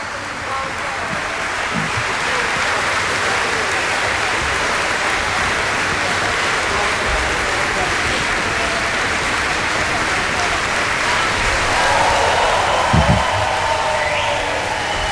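Loud, sustained applause from a large opera audience, a dense steady patter of clapping filling the whole stretch, swelling slightly near the end with a few brief cheers.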